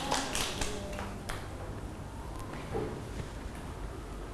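A short round of scattered clapping from a group of children, with irregular, sharp claps strongest in the first second and a half, then thinning into sparse taps and soft background noise.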